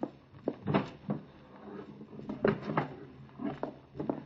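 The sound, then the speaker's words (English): The bottom drawer of a dresser slides open and shut as a gun is fetched from it, with a series of short wooden scrapes and knocks, some rattling in between. No one speaks. “It's in the bottom drawer of the dresser. I'll get it.”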